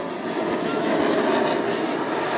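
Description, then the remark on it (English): A loud, steady roar of a fighter jet flying low overhead in a knife edge pass over Darwin High School at Mindle Beach, a dense rushing engine noise that fills the whole moment with no break and no voices. “Jets coming over Darwin High School at the moment.”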